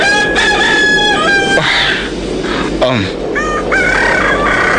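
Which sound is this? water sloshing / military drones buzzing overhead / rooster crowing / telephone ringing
rooster crowing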